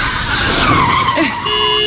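Car tires skid loudly under hard braking as a driver is shouted at to brake, a sustained screeching squeal that bends in pitch before cutting off, with a steady engine hum persisting behind it.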